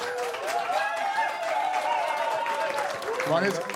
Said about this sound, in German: Also wenn Sie jetzt laut klatschen und später bei ARD Sounds nachhören, dann hören Sie Ihr Klatschen. Also klatschen Sie mal laut.